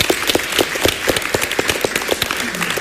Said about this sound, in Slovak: Máte bodov 106. Čo veľmi slušné, to si zaslúži potlesk.